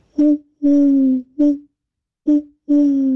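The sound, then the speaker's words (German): A person imitates an owl, giving five loud hooting calls in an uneven pattern: a short hoot, a long drawn one, a short one, a pause, then short and long again. “Ach, ist das eine schöne Eule.”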